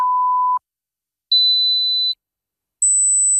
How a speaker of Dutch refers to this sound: Hoorde u geen 3 piepjes zojuist? Dan is het zinvol om even uw gehoor te laten testen bij Hoortzo in Spijkenisse.